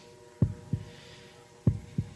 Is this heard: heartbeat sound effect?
yes